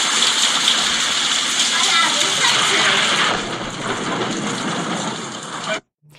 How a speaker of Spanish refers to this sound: hubo bastante lluvia, bastantes vientos. En Empalme, ni se diga, vamos a escuchar, escuchen esto del aire.